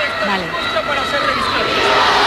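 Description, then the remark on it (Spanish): A large crowd shouts and cheers continuously while the heads of the military corps present honours at a papal welcome ceremony at a royal palace. The cheering is a dense, loud roar of many voices, with no single voice standing out and no pauses. “Están presentando honores las cabezas de los cuerpos militares y los gritos de la multitud.”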